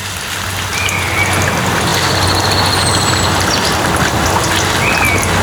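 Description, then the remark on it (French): Steady, continuous rush of water flowing near a fountain at La Coulonche in July fills the whole clip, a dense hiss with a low hum underneath, some stray noise of a robotic lawnmower, and a few faint, thin high whistling cries of raptors drifting over it. “Ambiance au mois de juillet à la Coulonche, avec cris de rapaces, bruit d'eau qui coule près de la fontaine.”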